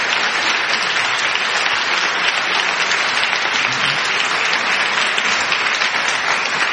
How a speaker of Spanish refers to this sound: No tengo un pedazo de público, tengo dos, el que está aquí y el que está al otro lado del cristal. Eso es, mira, están aplaudiendo, lo estamos viendo.